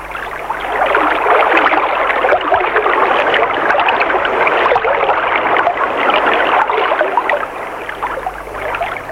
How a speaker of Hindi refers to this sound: यहां वहां कुछ खेत, कुछ झोपड़ियां, पास में कल कल करती गंगा की निर्मल धारा।